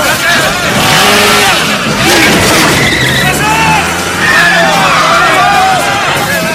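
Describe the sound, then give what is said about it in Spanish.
A motorcycle engine roars and revs as Rey escapes on it, speeding off with tires skidding and squealing over a loud, continuous wash of noise and indistinct crowd voices in the background as people chase him. “Ve una moto y escapa.”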